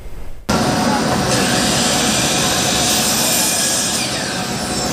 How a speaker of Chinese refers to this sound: 进了这个场馆呢，就能听到很多电锯的声音，显然它跟木工有关。